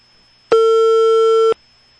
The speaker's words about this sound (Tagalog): Nagbagting ang telepono sa barangay hall.